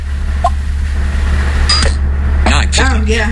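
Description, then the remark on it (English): A fingerprint sensor's success sound: a brief, crisp electronic click-chirp, like a camera shutter, over a steady low hum, followed by people talking. “Here's the fingerprint sensor when it's correct.”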